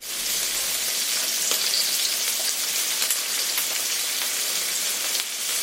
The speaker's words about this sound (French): C'est évidemment le bruit du beurre qui crépite dans la poêle.